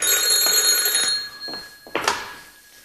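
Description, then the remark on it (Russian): A telephone bell rings loudly for about a second, then cuts off, followed by a couple of short knocks and rustles with no one speaking. “Йоган, подойди к телефону.”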